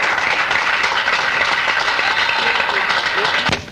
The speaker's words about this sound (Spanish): Otro aplauso a nuestro rey. Gracias, hermanita. Dios me la bendiga. Más aplausos.